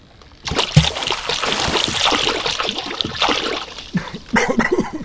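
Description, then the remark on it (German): Shallow water trickles and splashes steadily, a busy, bubbling wash broken by irregular louder splashy bursts, with no voices. “Das Wasser hier ist doch nicht tief.”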